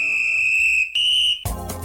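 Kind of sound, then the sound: signal or alarm, whistle blowing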